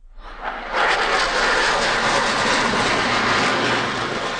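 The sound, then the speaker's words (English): A loud, sustained jet roar from Canadian CF-18 Hornets and American F-35 Lightning IIs in a flypast in Ottawa celebrating July 4th and Canada-U.S. ties, rising quickly in the first second and then holding as a broad, rushing wash of engine noise with no voices. “Canadian CF-18 Hornets and American F-35 Lightning IIs conduct a flypast to celebrate July 4th and Canada-U.S. ties.”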